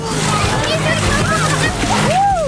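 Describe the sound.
Loud splashing and sloshing of cold water as girls dive into an open-air swimming pool on Wejherowska Street in Wrocław, Poland, a churning wash of spray lasting a couple of seconds, with faint voices and shouts in the background.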